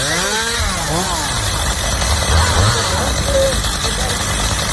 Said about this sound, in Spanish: Son las motosierras del Infoca en Minas de Río Tinto.